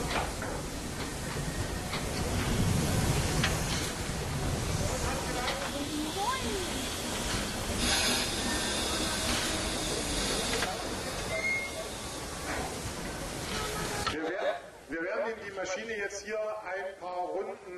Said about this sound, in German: Und wenn eine Dampflok lange stand, werden diese Ventile bedient, der Zylinder nochmal mit Dampf erhitzt, sodass es dort kein Kondenswasser mehr drin gibt und Schäden am Zylinder vermieden werden.